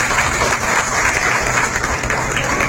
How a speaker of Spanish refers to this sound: En estos momentos se entrega su reconocimiento a decanos de la crónica deportiva, la gobernadora del estado de Sinaloa, la licenciada Yerotí Bonilla Valverde y todo el presidio que nos acompaña. ¡Fuerte el aplauso para el maestro